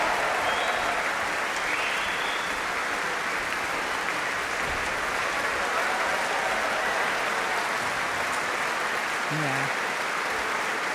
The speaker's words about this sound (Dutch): En dit applaus was voor Martijn Boom. Voor het slagwerk. De grote trom.